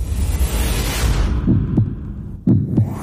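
A heartbeat thumps in two distinct lub-dub pairs, deep, over a low humming rumble that follows a soft sweeping whoosh at the start. No one speaks.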